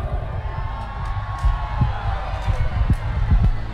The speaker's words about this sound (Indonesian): Beri tepuk tangan untuk kita semua dulu.